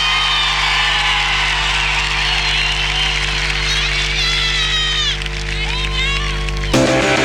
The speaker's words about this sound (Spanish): ¡Los aplausos!